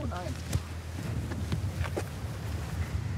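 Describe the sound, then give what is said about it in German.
Steady wind blowing outdoors at a birdwatching spot with gulls, geese and ducks, a constant low rumble buffeting the microphone, with occasional sharp clicks and knocks and a brief faint voice near the start. “Ist jetzt natürlich bei dem Wind sehr schwierig.”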